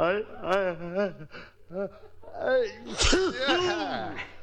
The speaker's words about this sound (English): You're sneezing good